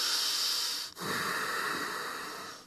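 Loud nasal breathing while holding a yoga pose: a long hissing breath, a brief pause, then another forceful, airy breath through the nose, with no talking.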